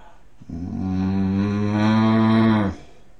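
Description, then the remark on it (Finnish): A person imitates a bull's bellow, one of six animal sound imitations, with one long, deep, droning moo that holds steady for about two seconds and then cuts off. It is fairly loud, with nothing else around it. “Sitten sonni.”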